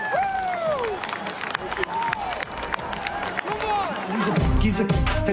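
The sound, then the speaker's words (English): The crowd at the U.S. Open golf championship gives scattered, lukewarm applause as Wyndham Clark wins. Uneven clapping runs steadily under a murmur of voices and a few calls, never building to a loud ovation. “Open champion, wire to wire, and that's what we call a very tepid response by the crowd assembled at the U.S. Open”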